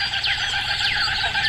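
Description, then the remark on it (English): Kookaburras call outdoors in the morning, a run of repeated swooping, falling cries that overlap one another, loud against a steady open-air background hum, with no one talking. “Yeah, good morning, kookaburras.”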